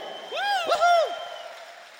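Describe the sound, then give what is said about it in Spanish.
An audience applauds in a steady wash of clapping, while one or two voices let out a rising and falling cheer over it for about a second. “Si es así, regálale el aplauso más fuerte.”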